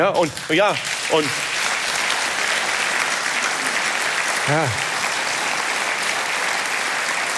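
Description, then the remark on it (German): Sustained audience applause for a speaker's statement that democracy is the best thing that could have happened, a dense, steady wash of clapping that holds at an even level throughout, with a few brief voices calling out near the start and once midway. “Und wissen Sie, vor 5 Jahren hätte es dafür nie und nimmer Applaus gegeben.”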